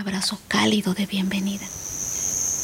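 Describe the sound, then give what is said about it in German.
A soft voice speaks briefly, then a steady, high-pitched cricket chirp carries on alone inside a cave, thin and continuous, with a faint hollow background hiss. “Fledermäuse flattern durch die Luft und Grillen zirpen.”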